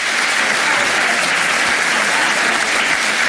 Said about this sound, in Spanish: Primera ovación del discurso florentino cuando se refiere al caso Negreira.